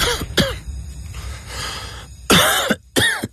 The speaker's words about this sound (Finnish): Hei, älä suotta köhi.